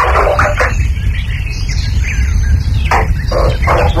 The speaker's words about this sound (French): L'orage qui gronde.